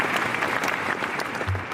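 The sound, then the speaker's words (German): Steady audience applause, a dense wash of many hands clapping at an even, sustained level throughout, with no voices standing out. “Zuerst aber nimmt er den Applaus der Anwesenden als Vorschuss Lorbeeren entgegen.”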